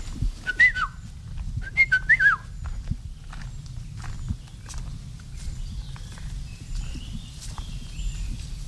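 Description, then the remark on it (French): A yellow-and-black bird of the forest canopy, often unseen, whistles two short, fluty phrases early on over a steady low rumble and soft footsteps, with faint chirps lingering afterward. “Et si on pouvait le voir, souvent on ne le voit pas, il est dans la canopée, c'est un oiseau jaune et noir.”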